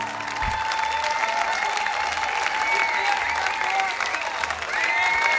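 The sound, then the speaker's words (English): Sustained audience applause near the end of a concert, a dense steady wash of many hands clapping at an even loudness throughout, with faint whistles and cheers riding on top. “Thank you for clapping.”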